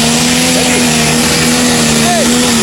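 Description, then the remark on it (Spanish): A tractor engine drones steadily, its pitch swelling twice as it accelerates, while people talk indistinctly in the background. “Y hay un tractor allá. ¿No arranca más? ¿Sí? Ahí está acelerando.”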